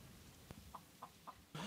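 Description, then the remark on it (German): A chicken clucks in short, evenly spaced bursts, ending with a louder squawk, against a quiet outdoor background with no talking. It is at a neighbouring house across the street in a village, waiting for food while its owners are away, the gardens around charred by a fire. “Bei den Nachbarn gegenüber wartet das Huhn auf Futter.”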